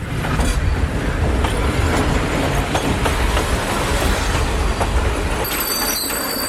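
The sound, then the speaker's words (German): A loud, steady rumble of a train moving through a station, with clattering wheels, then a shrill, high-pitched brake squeal rising near the end. No one speaks. “Ja, und daraus jetzt einen Song machen, aus den quietschenden Zugbremsen oder aus irgendwelchen Lautsprecherdurchsagen oder rollenden Koffern.”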